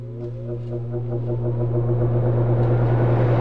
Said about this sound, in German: Ja, die Klimaanlage die läuft auf Hochtouren, gerade bei diesen Temperaturen. Nicht nur heute, auch in den nächsten Tagen. Aber mal ganz ehrlich, sie nützt zwar, aber hören tut man sie jetzt schon nicht unbedingt so gern.